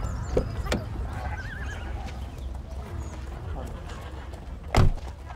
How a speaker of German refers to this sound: Ein schönes Pferd hast du. Danke. Gehört es dir? Nein. Ich pflege es nur gerade.